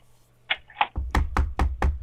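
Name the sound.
knocking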